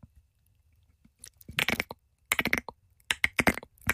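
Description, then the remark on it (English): A person imitates a cricket's chirp with the mouth, making three short bursts of rapid, raspy, high clicking separated by brief pauses, with no talking. “I can make a cricket sound.”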